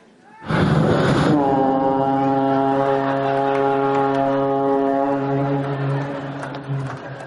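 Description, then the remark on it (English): A single deep, loud car horn blast from a 1966 Cadillac Coupe de Ville starts abruptly and holds steady for several seconds, droning like a foghorn before tapering slightly at the end. No other sounds accompany it. “Anyway, at least it had a horn.”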